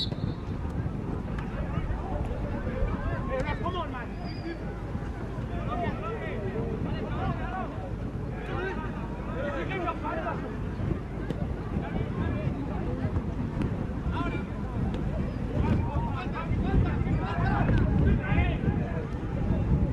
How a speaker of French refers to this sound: Alors que le vent s'est levé dans ces dernières minutes au Pays de Galles. Ah, il s'est levé à tel point, on le voit sur ce rebond, qu'il a surpris le gardien danois,